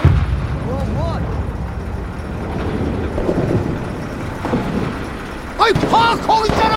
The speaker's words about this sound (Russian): А что взрывается? Армию уже привели? Ну или минное поле рядом на границе. Нет, таки городок какой-то немного военный.